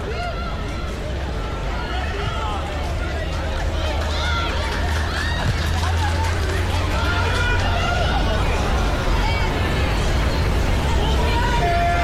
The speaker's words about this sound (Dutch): Het applaus dat u hoort, dat is voor Esmee de Graaf